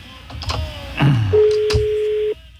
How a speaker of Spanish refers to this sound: Ah, está sonando el teléfono.